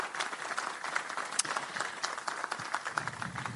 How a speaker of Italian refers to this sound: a cui chiedo per favore un grandissimo applauso.